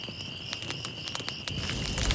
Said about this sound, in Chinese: 来来，把篝火燃起来，得令。